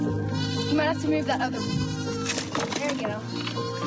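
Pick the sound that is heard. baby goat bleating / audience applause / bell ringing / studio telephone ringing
baby goat bleating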